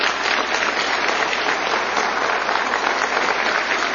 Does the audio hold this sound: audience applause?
yes